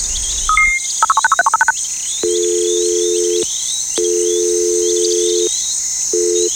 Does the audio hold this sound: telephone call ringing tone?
yes